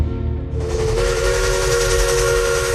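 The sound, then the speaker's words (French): A loud, sustained steam locomotive whistle blows steadily with a bright hissing tone, rising out of a rumbling low background and holding for several seconds without any talking, evoking the 19th-century arrival of the train and Louis-Napoléon Bonaparte at Angoulême, France. “Imaginez, des décors de fête, une foule en délire et le sifflement d'une locomotive.”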